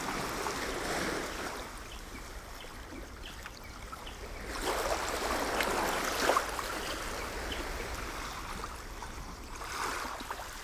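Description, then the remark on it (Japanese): Ocean waves wash steadily against the coast of Miura City, Kanagawa Prefecture, Japan, an area surrounded by sea on three sides and warm even in winter, in a continuous, moderately loud rush, swelling a little midway through. No voices are present. “三方を海に囲まれた冬でも温暖な地域です。”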